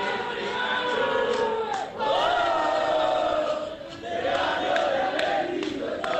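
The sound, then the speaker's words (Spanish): About 200 Belgrano football fans, gathered by the team bus with flags and sky-blue and black balloons, cheer and chant continuously, a dense roar of many voices with rising and falling sung tones, dipping briefly twice before swelling again. “Habrá unos 200 hinchas, está el micro en la puerta. Mucha euforia, globos, celestes y negros. Escuchen.”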